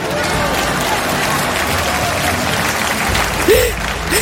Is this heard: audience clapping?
yes